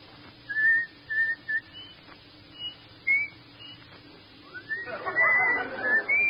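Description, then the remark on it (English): A person whistles the tune Comin' Through the Rye in clear, high notes, a few brief phrases with pauses between them, ending on a breathier, noisier stretch of whistling. “Let me hear you whistle Comin' Through the Rye.”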